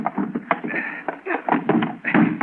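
A heavy desk scrapes and grinds across the floor with a few dull knocks as it's shoved against a door, fairly loud, with faint voices mixed in.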